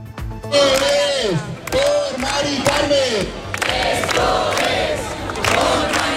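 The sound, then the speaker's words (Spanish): A large crowd of hundreds of protesters at the Puerta del Sol in Madrid chants in loud, rhythmic bursts, many voices shouting together in repeated phrases with rising and falling pitch, one call following another over a continuous roar of people. “Ya lo han escuchado, este es el sonido que nos llegaba desde la Puerta del Sol, desde donde cientos de personas se han trasladado al Congreso coincidiendo con la votación de los decretos.”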